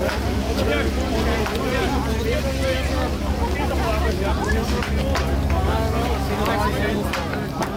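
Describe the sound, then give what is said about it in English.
A water cannon used at night near the Sandy Knowes roundabout blasts in a steady, loud rushing roar over a low engine rumble, as riot police come under attack from a group throwing bricks, bottles and pieces of wood; a crowd's shouting and hubbub churn underneath throughout. “Well, you're hearing some of the audio from last night when water cannon had to be used as riot police came under sustained attack from a group throwing bricks, bottles and pieces of wood near the Sandy Knowes roundabout just on the outskirts of”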